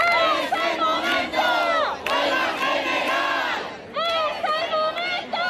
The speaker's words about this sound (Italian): proteste in diverse città della Spagna dopo la bocciatura in Parlamento dei decreti contro l'emergenza abitativa del governo Sanchez.